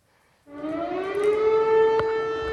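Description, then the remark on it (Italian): An air raid siren in Tarnava Kolonia, Lublin province, eastern Poland, sounding at night after an unidentified object was detected, starts up abruptly and holds a loud, steady wailing tone with rich harmonics, slowly rising in pitch; a brief click sounds partway through, and no one speaks. “Gli abitanti di Tarnava Kolonia vengono svegliati dalle sirene in piena notte.”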